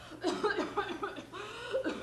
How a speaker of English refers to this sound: Well, listen to that poor woman cough.